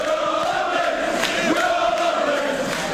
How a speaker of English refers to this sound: Oh my gosh, I'm just imagining us building a stadium where the old GM building was in Ontario. Yeah. Can hear the crowd now. Yeah, there they are.